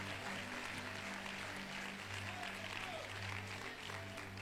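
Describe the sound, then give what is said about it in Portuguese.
An audience claps together to glorify the name of the Lord Jesus, a dense, sustained wash of applause, steady in loudness throughout, with a low hum running underneath. “Podem tomar seus lugares e glorifiquem o nome do Senhor Jesus com as palmas.”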